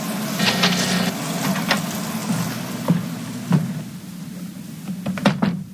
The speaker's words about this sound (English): And now to unlock the door.